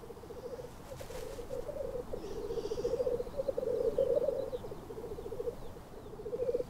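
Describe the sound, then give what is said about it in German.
Black grouse cocks calling at a lek in the Highlands in spring, a continuous bubbling, cooing chorus of several birds overlapping, steady, rising slightly in intensity midway, with no talking. “Akustische Untermalung des Frühlings kommt von den Birkhühnern.”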